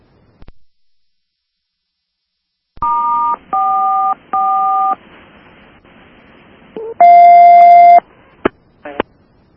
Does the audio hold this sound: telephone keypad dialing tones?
yes